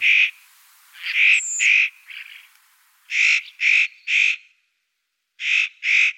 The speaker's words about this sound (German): Mein Vogel der Woche. Der äußerst cute Tannenheer, Nutcracker.